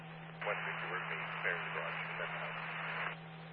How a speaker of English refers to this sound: You're low volume and have a lot of static. Go again.